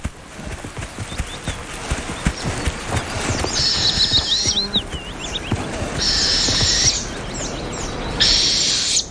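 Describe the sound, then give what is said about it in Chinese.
Northern hawk owl, which nests in a tree hole carved by a woodpecker, giving harsh, high-pitched screeching calls in several drawn-out bursts, with rapid chittering notes between them, over a steady background of low rustling and knocking. “猛枭在啄木鸟凿出的树洞中安了家。”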